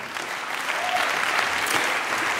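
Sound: audience applause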